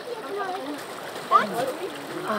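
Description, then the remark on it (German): Water splashes and trickles steadily as a bottle is refilled from a mountain stream, a continuous hiss with one brighter splash midway, while a person talks over it. “Bin ich jetzt echt froh, dass man hier nochmal auffüllen kann.”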